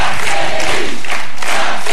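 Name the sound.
rally crowd cheering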